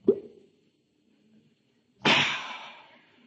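A short pop like a cork pulled from a bottle brought in a satchel, then after a pause of quiet a louder gurgling, hissing rush of liquid that gradually fades, as someone takes a swig.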